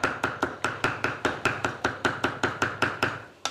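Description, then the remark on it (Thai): A cleaver chops pork on a board in a fast, steady rhythm, about four sharp thudding strikes per second, each blow loud and percussive with a dull low thump beneath, no voices. “เสียงนี้เป็นอีกหนึ่งเสียงที่หายไปจากครัวเรือนไทยหายไปพร้อมๆกับเสียงขบเครื่องเวลาสับ”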